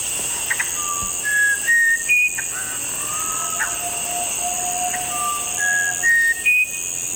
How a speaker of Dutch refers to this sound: Ja, en deze soort heet de muzikanto bren. Oké. Of muzikanto winterkoning. Ja. En dat gaat zo.